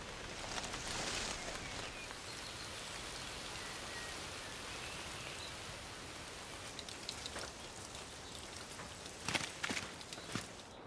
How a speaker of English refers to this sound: Rain beats down on the forest, and our poorly concealed fox seems to be listening to the raindrops falling onto the surrounding leaves.